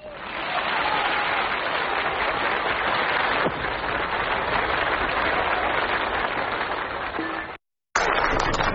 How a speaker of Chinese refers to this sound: 谢谢朋友们的掌声啊， 感谢大家。 您先等会儿啊，问问您，朋友们这么热烈鼓掌，这掌声到底是为你鼓的呀，还是为我鼓的呀？